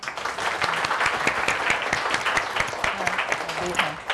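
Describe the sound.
Steady applause from an audience welcoming the owner of the Raphi dressmaking school (ห้องเสื้อระพี), a dense patter of many hands clapping at an even level throughout, with a few faint voices mixed in underneath.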